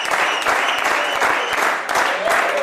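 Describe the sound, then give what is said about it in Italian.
Steady, dense applause from a crowd at a PPS party celebration in Cuira (Chur), applauding newly elected government councillor Valerie Favre Accola; many hands clapping continuously at an even loudness throughout, with no voices standing out. “I plagier ad eri applaus per l'ur nov cernida consigliera governativa Valerie Favre Accola i sto grand.”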